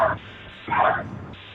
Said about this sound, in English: Is that a dog barking in the background?